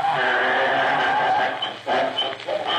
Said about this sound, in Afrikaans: Donkie, bly stil man, ek wil sing.